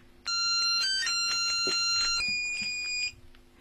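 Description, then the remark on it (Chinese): A telephone rings with a call from Boss Qu, a bright, steady electronic tone layered with higher chiming notes, sounding continuously for about three seconds before cutting off. No one speaks over it. “是他，曲老板， 接电话。”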